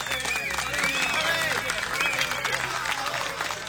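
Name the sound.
audience applause and cheering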